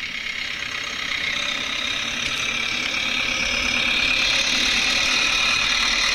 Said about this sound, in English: On his little red tractor.